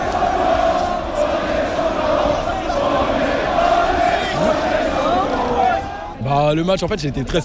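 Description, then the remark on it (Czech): A dense crowd of thousands of people on the Champs-Élysées boulevard roars and cheers continuously, many voices shouting and chanting "we are the champions" together in a loud, unbroken wash; near the end a few individual voices stand out over the din. “Tisícovky lidí na bulváru Champs-Élysées propukly v jásot, rozeběhli se, začali tancovat, skandovat: my jsme šampioni.”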